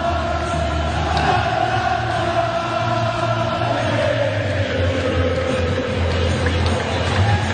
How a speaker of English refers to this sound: There is the player Jude Bellingham, and every time he scores, the whole crowd erupts into this song.